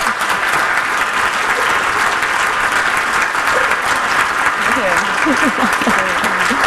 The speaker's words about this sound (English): Wow, round of applause, guys.